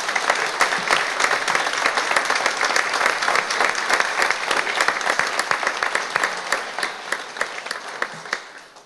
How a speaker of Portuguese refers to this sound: E queria desejar uma salva de palmas à Justiça.